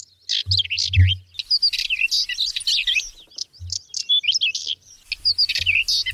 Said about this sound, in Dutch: Een paapje, zeg je dat wat? Nee, dat zegt me niks. En de tapuit? Nee. Nou, dat was het.